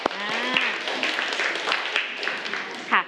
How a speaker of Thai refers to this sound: แต่ก็มีเพื่อนบางคนที่สามารถตอบได้ปรบมือให้กับเพื่อนหน่อยค่ะ